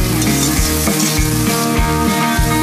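Sichuan peppercorns sizzle loudly in hot lard in a wok with a steady crackle while cooking Sichuan peppercorn fish slices, with rhythmic stirring or scraping pulsing low underneath about every half second, busy with no voices.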